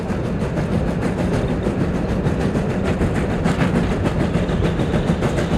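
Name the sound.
moving train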